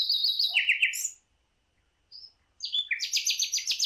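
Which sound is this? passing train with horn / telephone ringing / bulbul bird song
bulbul bird song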